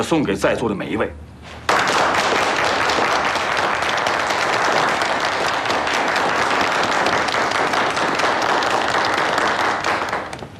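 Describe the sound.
A brief voice opens, then sustained applause from a crowd fills the rest, a dense, steady patter of many hands clapping, fading slightly at the very end.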